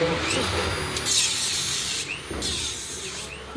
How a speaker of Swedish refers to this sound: Nu river de träställningarna som burit upp banan. De konkar plywoodskivor, reglar, plank och svarta sopsäckar genom de röda dörrarna upp för trappan till en container där de slänger brännbart.